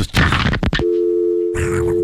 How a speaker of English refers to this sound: It was so over the top, too. People really thought I was hanging the phone up, but I had a sound effect. I made this sound effect in Philadelphia because I wanted, like, you know, radio.